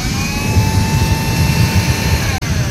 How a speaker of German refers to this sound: Anderes Beispiel, der Nachbar, der meint, er müsse morgen früh schon mit dem Staubsauger durch die Wohnung flitzen.